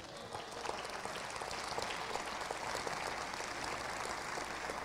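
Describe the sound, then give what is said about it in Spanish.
A large crowd gives applause to God, clapping steadily for about five seconds, a dense wash of many hands clapping at once, fairly loud and continuous with no speech over it. “¿Cuántos dan un aplauso a Dios?”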